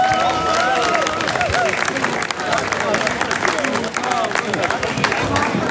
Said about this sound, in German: Applaus.